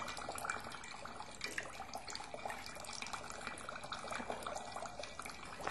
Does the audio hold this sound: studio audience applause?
no